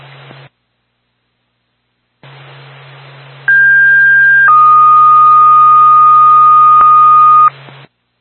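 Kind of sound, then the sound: signal or alarm, fire dispatch paging tone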